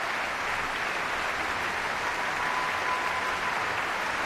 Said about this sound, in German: Bravo-Rufe aus dem Publikum.